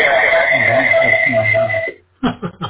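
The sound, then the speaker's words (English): A hissy, narrow-band radio transmission on the 2-meter band, relayed through a local repeater and heard on a computer, buzzes steadily with tonal hum for about two seconds, then cuts off abruptly; after a short gap, a few clipped bursts of a voice come through. “I did hear myself from the repeater to the computer. It sounded okay, but as you say, a little hissy or whatever.”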